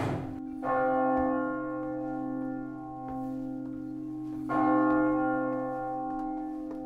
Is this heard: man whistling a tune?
no